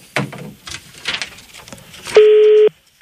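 A phone line rings out with one steady, loud ringback tone near the end, following a stretch of scattered, irregular noises; a call from the Galaxy 92 radio morning wake-up show to a listener is waiting to be picked up.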